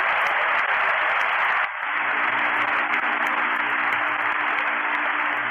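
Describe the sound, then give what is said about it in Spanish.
An audience applauds the Lord after a Bible reading from Nehemiah chapter 6, in a dense, sustained wash of clapping for several seconds, with a brief dip partway through before the steady applause resumes; no voices stand out. “Un aplauso al Señor.”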